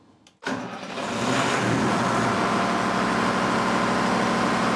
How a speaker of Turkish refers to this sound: Kaptan motoru çalıştırıp yavaşça hareket edeceğimizi söyledi. İçerisi açıkçası biraz gürültülü olacak ama hiç sorun değil.